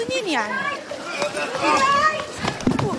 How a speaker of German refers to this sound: Kurz darauf fliegen wieder Tränengasgranaten. Beißender Rauch wabert durch die Luft, Menschen rennen wild durcheinander.